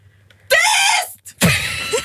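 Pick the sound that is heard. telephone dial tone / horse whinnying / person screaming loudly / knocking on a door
person screaming loudly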